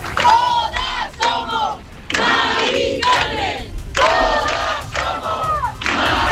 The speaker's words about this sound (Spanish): Aquí, como en otras capitales de provincia, se han escuchado proclamas por el derecho a la vivienda, contra los desahucios y también a favor de la huelga general, que tienen convocado a los sindicatos el próximo 11 de noviembre